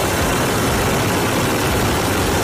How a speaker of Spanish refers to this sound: Sonido de la tromba de agua que ha caído en el sur de la provincia, hasta 200 litros por metro cuadrado.